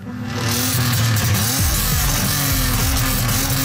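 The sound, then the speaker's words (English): A loud, rasping vehicle muffler exhaust roars continuously, its engine pitch dipping and rising as it revs, with a deep rumble underneath and a buzzy, saw-like edge throughout. “We know that noise from mufflers can travel 1 to 2 to even 4 kilometers.”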